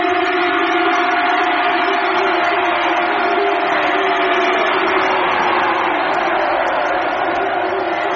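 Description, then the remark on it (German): A large crowd roars and cheers, many voices shouting together in a loud, unbroken wall of sound that holds steady for the full eight seconds, with sustained yells riding on top. “Und das Volk brach in lauten Jubel aus.”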